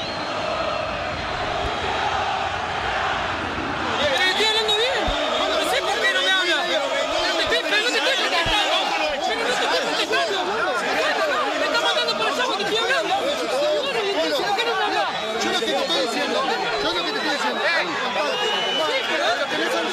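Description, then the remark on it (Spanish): An angry crowd of Huracán football fans shouts and jeers at Parque Patricios after a 1-1 draw against Estudiantes de Río Cuarto, a dense roar of many voices that swells after a few seconds and stays loud and unbroken to the end. “Enojadísima la gente de Huracán, la bronca del público quemero después del empate 1-1 ante Estudiantes de Río Cuarto.”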